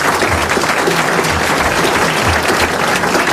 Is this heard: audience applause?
yes